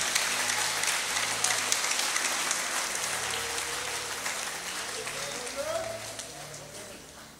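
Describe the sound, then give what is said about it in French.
An audience applauds the Lord, the King of glory, steadily, a dense crackling wash of many hands clapping at once for several seconds, with faint voices murmuring underneath. “Applaudis le roi de gloire. Applaudis le Seigneur des Seigneurs.”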